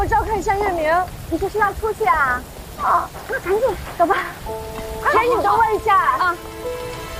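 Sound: rain falling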